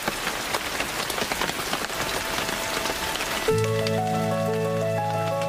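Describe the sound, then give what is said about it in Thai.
Steady rain patters through forest foliage, water dripping from epiphytes onto shrubs and ground cover and down to the forest floor, many individual drips over a dense hiss, before soft sustained music swells in beneath the rainfall partway through. “น้ำจากด้านบนจากพืชอิงอาศัยค่อยๆเดินทางสู่พืชพุ่มพืชคลุมดินจากนั้นก็เดินทางต่อลงไปสู่พื้นล่าง”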